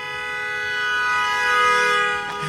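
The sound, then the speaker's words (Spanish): Car horns blare together in one long, unbroken chorus, steady and fairly loud for the whole stretch, swelling slightly before easing off near the end. No one speaks. “Se están aplicando el claxon vitalero como debe de ser.”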